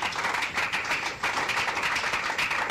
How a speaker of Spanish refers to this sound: Un aplauso al Señor, hermanos. Dele gracias al Señor.